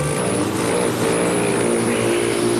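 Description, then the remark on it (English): A male rufous hummingbird's wings whir in flight, a steady, buzzy drone with a low hum and a hissy upper edge that holds fairly loud and unbroken throughout, with no voices. “Don't be fooled by the gentle whirring sound of a hummingbird in flight.”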